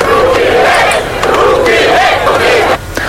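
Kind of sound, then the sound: crowd, protesters chanting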